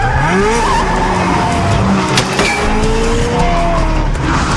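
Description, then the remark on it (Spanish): A car engine revs hard and loud through the whole stretch, its pitch sliding up and down, with brief tire squeals as the vehicle tears off at speed. “¡Detén el auto!”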